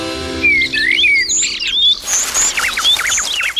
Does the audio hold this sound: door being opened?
no